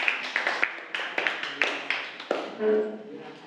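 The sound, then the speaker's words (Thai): A class claps for group one in scattered, uneven bursts, a string of sharp hand slaps at a lively pace that thins out toward the end, where a brief humming tone appears. “ปรัชญาของเศรษฐกิจพอเพียงนะคะเก่งมากปรบมือให้กลุ่มหนึ่งค่ะ”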